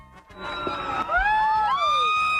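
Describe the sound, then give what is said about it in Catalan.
Many voices shriek and scream at once in a loud, sustained outburst, high-pitched wails rising and sweeping over a dense crowd roar that never lets up. “La gent cridava a les totes, ara ho han sentit.”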